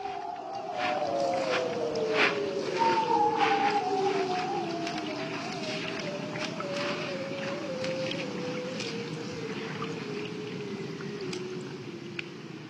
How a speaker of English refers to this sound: But let's leave you with more of that haunting sound of the bearded seals.